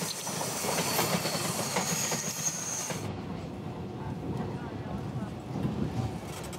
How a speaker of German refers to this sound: Wir sind unterwegs in einem typischen Triebwagen für Lokalzüge der Taiwan Railways Administration, TRA. Der Fluss Jilong wird die nächsten Kilometer unser Wegbegleiter sein.